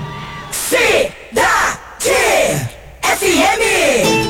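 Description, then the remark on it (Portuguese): Loud shouting and cheering from an audience in São Paulo come in four strong bursts, each a rising-then-falling whoop with brief pauses between, energetic. “Quem gostou dá um gritão aí. Dá um gritão aí, São Paulo.”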